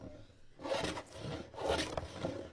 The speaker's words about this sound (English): The sounds of sanding, filing, and chipping, and the aroma of spruce fills a classroom in Thunder Mountain Middle School early Monday morning. Students are working on something pretty atypical of a conventional classroom experience.